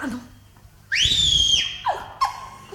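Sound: person whistling loudly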